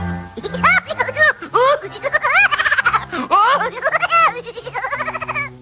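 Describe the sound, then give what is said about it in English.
A voice imitates a laughing hyena with a rapid run of high, warbling whoops and giggles, rising and falling in pitch, loud for several seconds. “I'm not a laughing hyena or I'd go...”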